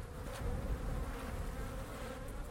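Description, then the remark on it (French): A dense, steady hum of many honeybees buzzing on an opened frame of a 10-frame Dadant hive, the frame almost covered with bees; a continuous droning swarm sound with no pauses and no voices. “Alors là, il y a le cadre est presque couvert d'abeilles.”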